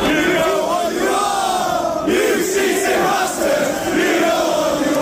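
A large football crowd inside Anfield stadium in England chants in unison, many voices sustaining a loud, melodic, rhythmic song that swells and dips slightly with a dense roar underneath; the chant's words mean "we know what you are, cheating bastards".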